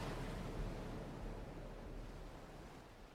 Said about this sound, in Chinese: 国王与王后在航行途中遭遇了暴风雨，船只被掀翻，消失在汹涌的大海之中。